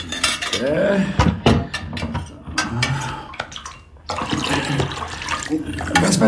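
A container of water is handled, with clinks and clatters of hard vessels and some water sloshing or pouring, in busy irregular bursts with no clear talking.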